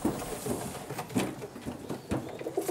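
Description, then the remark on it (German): Several pigeons coo softly and repeatedly, their low burbling calls overlapping in a steady murmur, with faint rustling and fluttering in the background. “wie viele Tauben hast du eigentlich insgesamt?”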